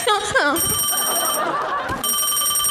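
A telephone rings in two bursts of bright, steady electronic trilling, separated by a short gap, loud over a busy, murmuring background.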